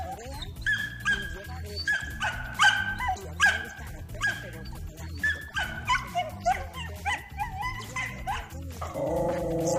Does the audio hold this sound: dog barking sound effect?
yes